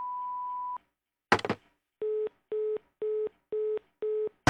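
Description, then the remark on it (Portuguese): A steady voicemail beep sounds for under a second, followed by a brief noisy clunk and then five evenly spaced, lower-pitched tone pulses like a busy signal. “Oi, eu não posso atender agora, mas deixo seu recado depois do bip.”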